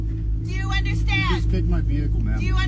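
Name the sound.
car engine revving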